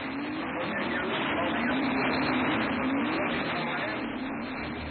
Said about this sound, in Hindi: अरे धीरे स्कूटर, धीरे चलाओ ना। चिंता मत करो, मजा आ रहा है।